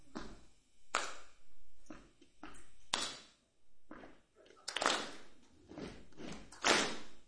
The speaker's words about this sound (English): So I'll show you. It's a combination of stomping and clapping.